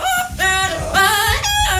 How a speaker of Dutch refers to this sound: Gaat er weer een filmpje viral. Van twee papegaaien. Die het nummer echt loopzuiver zingen. Dit zijn papegaaien. Zo.